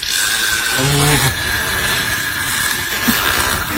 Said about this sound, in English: Yeah, if you haven't heard fish burps before, this is just a guy burping a fish.